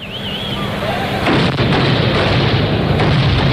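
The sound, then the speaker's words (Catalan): A wavering whistle at the start gives way to loud, dense firecracker blasts and pyrotechnic bangs, with sharp bursts punching through a continuous roar of crackling explosions. “La pólvora és una de les grans protagonistes de les festes populars catalanes.”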